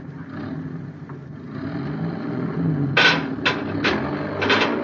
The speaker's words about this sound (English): Tell that driver to move that truck.